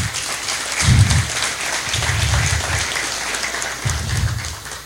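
A crowd claps for the people behind the Los Bomberos Están Listos community campaign, with a fire truck present, in a dense, crackling wash of applause that holds for the whole stretch, with a few low thumping bursts rising beneath it. No one speaks.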